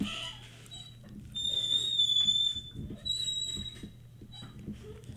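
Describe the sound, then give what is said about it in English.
A chair squeaks in two drawn-out, high-pitched creaks as someone sits in it, fairly loud, with a low steady hum underneath and no talking. “Sitting in a squeaky chair.”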